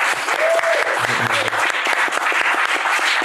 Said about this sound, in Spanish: Aquí tenemos a gente que nos está viendo. Le damos un aplauso.